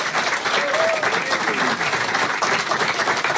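A crowd at Estudios Pira on 9 de Julio in Córdoba applauds steadily, dense clapping at a constant loud level, with faint voices calling out beneath it.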